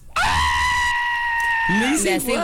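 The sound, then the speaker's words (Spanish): A person imitates a crazy goat: one loud, high-pitched bleat held strained and steady for over a second, then breaking into a wobbling, quavering finish, with no other sounds around it. “Yo puedo imitar a una chiva loca.”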